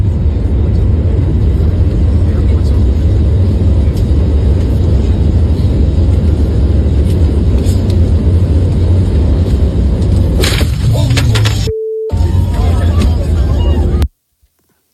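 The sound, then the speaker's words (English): A loud, steady jet engine roar rumbles from the right-hand engine of a plane on a runway. A sudden harsh burst of noise erupts near the end as the engine blows up, then the sound cuts out abruptly. “You just go, oh, my God, the engine blew up here.”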